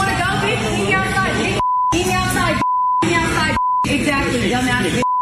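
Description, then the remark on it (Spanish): A restaurant customer challenging a worker to meet her outside talks in short bursts, her swear words repeatedly cut by a steady, high-pitched censor bleep, four bleeps in all, the final one very short, each replacing a word. “You wanna go beep, beep. Beep me outside, beep.”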